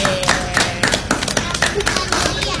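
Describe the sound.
A crowd applauds a participant who correctly answered a fruit-guessing riddle with 'durian', a dense, irregular patter of many hands clapping at once, steady and fairly loud for a couple of seconds, with voices faintly mixed in.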